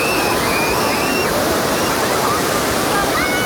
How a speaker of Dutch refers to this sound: De deining van de oceaan zorgt hier het hele jaar door voor golven.